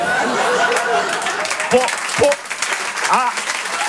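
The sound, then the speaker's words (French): A crowd applauds steadily for the whole stretch, a dense patter of clapping mixed with scattered laughs and voices rising briefly above it. “Applaudissez pas trop, je vais avoir des problèmes.”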